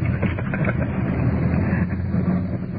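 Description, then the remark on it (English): A steady, low car engine rumble runs throughout, with a broad wash of road noise as traffic moves by, fairly loud and continuous with no talking. “You gotta wait for a little traffic to get by.”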